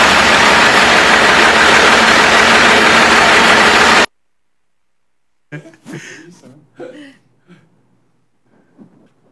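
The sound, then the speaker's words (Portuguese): A loud, steady rumble of a TIT truck's engine idling as it is stopped by the Military Police fills the first four seconds, then cuts off abruptly; after a short silence, a voice speaks in brief bursts. “Caminhão da TIT sendo conduzido por criança, motivo de denúncia.”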